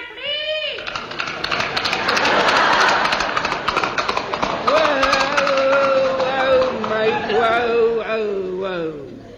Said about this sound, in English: Great Jupiter, mate. Is that thing a flea? No, it's an horse, mate. A horse? Yeah. Take his hat off. Yeah. You're right, it is a horse.